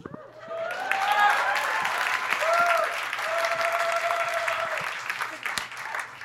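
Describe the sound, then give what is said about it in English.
A crowd breaks into steady applause, dense clapping for several seconds, with a few scattered cheers and whoops rising over it before it starts to thin out. “I am Indian. I'll hold for applause.”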